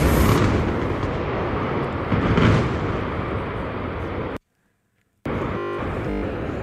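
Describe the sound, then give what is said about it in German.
A loud demolition blast of a boiler house roars as a dense, sustained rumble and crackle, swelling briefly, then the sound cuts out abruptly for almost a second as the broadcast line is disrupted, before the heavy noise resumes. “Und das war der große Knall.”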